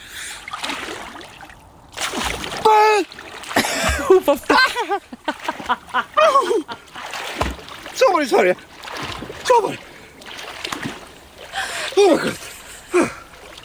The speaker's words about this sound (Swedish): Jag blir jättesugen på baden när jag hör dig kvida där i vattnet